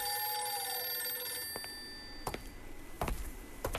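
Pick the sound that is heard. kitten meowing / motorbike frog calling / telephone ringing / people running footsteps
telephone ringing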